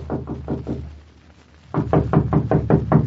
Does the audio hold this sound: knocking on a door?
yes